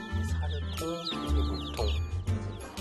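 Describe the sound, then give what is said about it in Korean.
Chicks of mixed breeds, white Baekbong Ogol and grey Cheongnang, peep in quick, high-pitched bursts in a brooder while a person talks over them, the little cheeps scattered, sitting just beneath the steady voice. “이 병아리들은 병아리 사육장에 넣어주는데요.”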